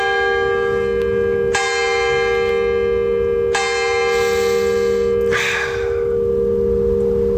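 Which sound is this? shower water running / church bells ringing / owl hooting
church bells ringing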